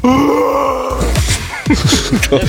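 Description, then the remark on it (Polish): On Lion Day, a person imitates a lion's roar with a loud, low, drawn-out groaning growl that breaks into a series of rough, rhythmic grunting bursts. “Dzień lwa dzisiaj w kalendarzu.”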